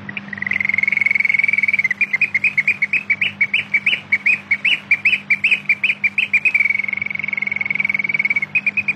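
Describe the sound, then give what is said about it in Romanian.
A nightingale sings loudly and continuously, a sustained high trill breaking into rapid, pulsing repeated notes before returning to the steady trill, with a faint low hum underneath. “micuță privighetoare. Am fost nedrept cu tine, dar tu n-ai pregitat să vii și să-mi redai viața cu fraja cântecului tău”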